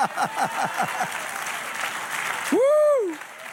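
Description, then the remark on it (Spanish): A crowd claps steadily in a dense, continuous wash of applause, while voices call out over it and one loud, drawn-out rising-and-falling shout rings through near the end. “Dale otro aplauso.”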